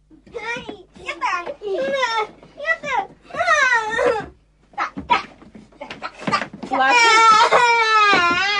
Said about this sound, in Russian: Пользуясь отсутствием папы и мамы, малыши затеяли возню с мячом, и дело дошло до ссоры.